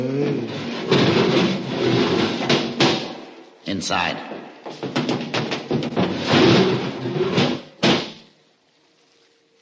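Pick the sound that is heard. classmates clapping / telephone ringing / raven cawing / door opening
door opening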